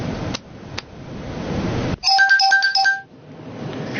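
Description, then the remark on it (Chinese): A phone ringtone chimes in a bright, repeating electronic melody for about a second, loud and close, breaking through a steady background hum that resumes afterward. “林雪电话。”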